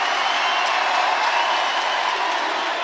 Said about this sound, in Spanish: Por favor, un aplauso para los vendimiadores.